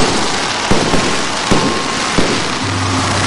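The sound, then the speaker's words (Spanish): Fireworks lit for several minutes at a ceremony in Veracruz celebrating the 216th anniversary of independence: a handful of sharp, irregular bangs pop over a constant roaring crackle, loud, with no voices. “Y por varios minutos se encendieron fuegos artificiales.”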